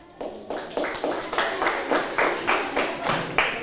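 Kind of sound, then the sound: crowd, classroom students clapping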